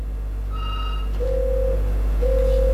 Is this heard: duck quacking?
no